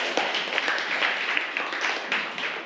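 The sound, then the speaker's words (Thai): A class of students applauding together at the teacher's request to thank a video shown in the lesson, a dense, steady patter of many hands clapping at once for a few seconds, fairly loud and continuous with no talking over it. “ขอบคุณสื่อวิดีทัศน์ดีๆด้วยปรบมือหน่อยค่ะ”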